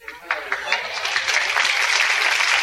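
A crowd bursts into applause as Jerry Stiller and Ann Mira are introduced for a sketch, the clapping quickly swelling from scattered claps into a dense, steady roar of hands that stays loud throughout.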